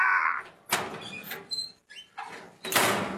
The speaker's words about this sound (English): metal closing door.